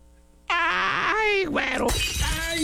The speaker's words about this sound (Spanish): Y vamos a grabar un video para mostrar nuevamente la diferencia cuando un vidrio tiene filmina de seguridad o es de vidrio templado. En otras palabras, hoy voy a ir a Ventanas y Canceles del Valle a quebrar un vidrio.